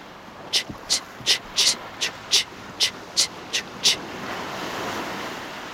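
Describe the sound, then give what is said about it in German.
Sea water laps in a steady run of about ten short, hissy splashes, each evenly spaced, before settling into a continuous soft wash of surf noise. “Lo sciabordio.”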